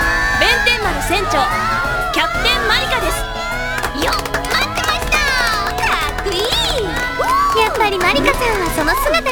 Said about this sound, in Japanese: もう拍手とかいいから。